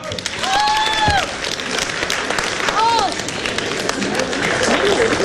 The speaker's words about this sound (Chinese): 下面就是我们的重头戏了，来，有请李涵、迟永志、李希昶带来《皇帝的新衣》，掌声。